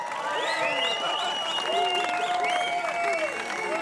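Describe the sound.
An audience applauds a band steadily and loudly, dense clapping filling the whole stretch, with cheering voices and whoops rising and gliding over the top.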